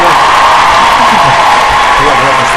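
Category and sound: crowd, applause and cheering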